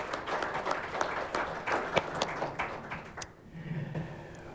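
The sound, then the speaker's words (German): An audience claps together for a guest who has just been introduced, in a dense, steady burst of applause lasting about three seconds, then it thins out and dies away into quiet murmuring. “Herzlichen Applaus”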